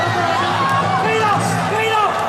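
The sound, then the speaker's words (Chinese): A packed crowd cheers at a kickboxing match involving Ouyang Feng: a loud, steady roar of voices with several rising whoops and yells breaking through the dense babble for the whole couple of seconds. “就大多数人是欢呼， 对 啊，这个是又放心又欢呼啊，狂喜。”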